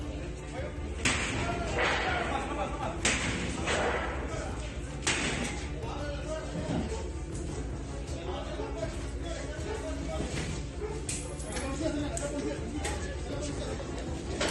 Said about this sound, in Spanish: No acceso a esa puerta. Tenemos que pegarle la puerta. No, no tenemos acceso. No hay acceso.